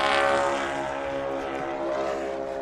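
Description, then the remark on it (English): A loud, steady drone from the three propeller engines of a tri-motor airplane, a dense layered buzz of the motors running together, holding constant throughout with no voices. “That's a great sound, right? The tri-motor is an awesome airplane.”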